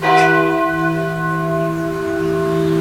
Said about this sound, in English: We're live from the old church on Highway 28. Ring the bell. And start us up on a Wednesday morning.